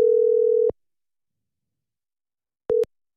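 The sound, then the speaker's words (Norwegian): A telephone ringback tone of an outgoing call made on a Friday afternoon: a steady, single-pitched electronic tone, a long silent gap, then a second tone that cuts off quickly. Clear and alone, no voices. “ringte opp Linn Siri for denne beskjeden her på fredag ettermiddag”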